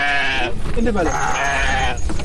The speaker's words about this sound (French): Nous sommes au forêt des Ziguinchor. Des camions stationnés sont en train de décharger des moutons, du bétail qui provient de plusieurs localités du pays.